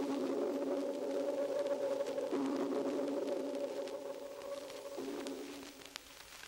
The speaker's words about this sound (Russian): лучше эхо будет слышно, если замедлить запись дельфинов в 64 раза. Сейчас эхо напоминает звук органа или раскаты далекого грома. Локатор настолько совершенен, что дельфин без труда различает виды рыб, рельеф своих коллег.